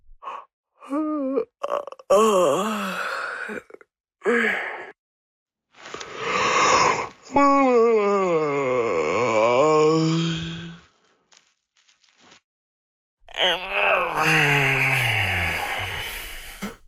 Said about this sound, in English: The human yawn, a fascinating bodily function, whose function scientists have not figured out yet, at least not for sure.